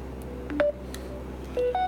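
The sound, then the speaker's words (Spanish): A telephone sounds an incoming call with a few brief electronic tones, two short beeps close together and another pair moments later, heard clearly over a steady low background hum with no voices. “Bueno, voy a darle sonido al teléfono para que suene la llamada. La que está sonando ahorita no la acepto.”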